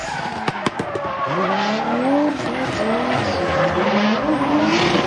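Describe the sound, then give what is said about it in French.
Drifting cars skid at a drift competition in an arena in Païta, before a crowd, with sustained, wavering tire squeals over a loud engine roar, a few sharp bangs near the start, the screeching sliding up and down continuously. “Voir des voitures que j'adore drifter, c'est vraiment quelque chose de magique.”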